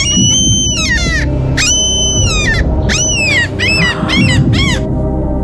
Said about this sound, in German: Ey, also ich habe gedacht, wow, ich hätte jetzt auch wieder auf die Hintergrundgeräusche mich nur berufen und gesagt, auch das ist ein Mensch, aber wow. Es ist eine Möwe. Wirklich? Es war eine echte Möwe.